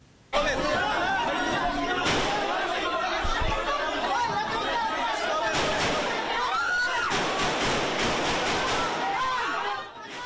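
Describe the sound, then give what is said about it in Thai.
Gunshots ring out in a handful of sharp, scattered bangs over a loud, panicked crowd, with people screaming and shouting together in continuous chaos inside the Philippine Senate building, among journalists and officials trying to flee. “ก็จะมีทั้งเสียงปืนและเสียงกรีดร้องของบริเวณคนที่อยู่ในบริเวณนี้นะคะซึ่งความโกลาหลเนี่ยมีคนตื่นตระหนกความวุ่นวายเกิดขึ้นทันทีที่มีเสียงปืนดังขึ้นในอาคารวุฒิสภาของฟิลิปปินส์ท่ามกลางสื่อมวลชนนะคะแล้วก็เจ้าหน้าที่ที่พยายามจะหนีออกไปให้ไกล”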